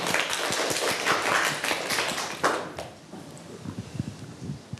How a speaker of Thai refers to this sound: ขอเสียงปรบมือให้กลุ่มที่3ด้วยครับ